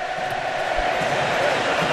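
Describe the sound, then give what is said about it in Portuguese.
Argentina national team football fans celebrating with a band in Miami during a match against Cape Verde: a dense, loud crowd roar of cheering and chanting that holds steady throughout, with low drum-like thumps beneath it. “se liga só, olha a festa da torcida argentina lá em Miami.”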